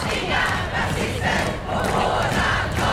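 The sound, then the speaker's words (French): A large crowd on the central square of Stockholm, Sweden, shouts and roars continuously in the open air as five young men with an anti-immigration placard stand before it. A dense, loud wall of overlapping voices with rising and falling surges, no single speaker standing out. “Sur la place centrale de Stockholm, l'ambiance devient quelque peu électrique lorsque 5 jeunes hommes s'imposent devant la foule avec une pancarte anti-immigration”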